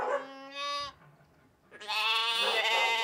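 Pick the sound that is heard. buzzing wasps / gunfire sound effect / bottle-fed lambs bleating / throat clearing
bottle-fed lambs bleating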